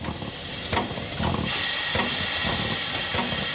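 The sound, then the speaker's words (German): A special steam train pulls into the bustling station of Bayreuth, its loud steady hiss of escaping steam laced with periodic chuffs and clanks, the rumble filling the scene with no voices. “Ein Sonderzug fährt ein. Im Bahnhof von Bayreuth herrscht reges Treiben.”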